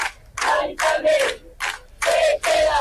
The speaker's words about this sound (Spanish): Son algunos de los gritos. Salían de las gargantas anoche de los centenares de vecinos que han pasado toda la madrugada acampados